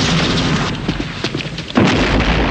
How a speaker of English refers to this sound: Outside, gunfire is exchanged. An explosion sends a guard flying over the railing. Draco's men fight their way into the building, led by Bond.